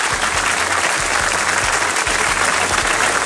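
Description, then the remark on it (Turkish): Steady, dense applause from a sizable crowd, loud and continuous throughout, with many hands clapping at once and no talking over it. “Alkış daha doğrusu.”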